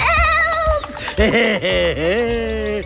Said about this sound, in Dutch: Toen hoorde de reus de geitjes gillen. Help!